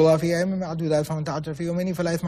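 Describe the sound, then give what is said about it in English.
A single voice imitates the fast, humming Quran recitation of a student memorizing the Quran: a steady droning pitch with rapid, blurred syllables rolling together for a couple of seconds, buzzy and unbroken. “And that's why we'll sit there and we're just like, you know, when a student is memorizing the Quran and you hear him just, you know, buzzing and humming, right? Fast reading.”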